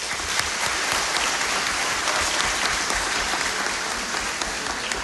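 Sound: applause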